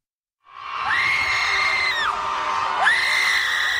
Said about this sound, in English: Before you get concerned, that's not the sound of fear. For 20 minutes, about 200 people gathered at Trammell Crow Park and did something most of us are taught not to do in public. They screamed.